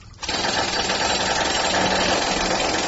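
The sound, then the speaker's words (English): A jackhammer, used at 2:30 in the morning for a plumbing job, kicks in after a brief quiet moment and keeps pounding loudly and steadily, a dense rapid hammering rattle, with no voices over it. “I mean, where do you get a jackhammer at 2:30 in the morning?”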